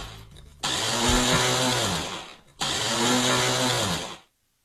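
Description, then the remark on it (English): A malfunctioning kitchen blender whirs loudly in two bursts, its motor straining with a harsh, grinding roar, stopping briefly in between and then cutting off into silence. “Problematic blender. The worst, right?”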